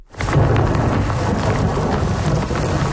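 A loud overnight thunderstorm on the island of Montreal: heavy rain pours steadily while deep thunder rumbles underneath, with gusts of wind buffeting the microphone throughout. No one speaks.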